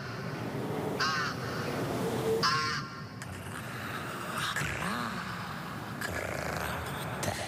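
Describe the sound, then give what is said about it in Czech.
Rooks caw repeatedly in harsh, raspy bursts, several calls spaced a second or two apart, over a steady outdoor background hum with no one speaking. “vidíš ty havrany?”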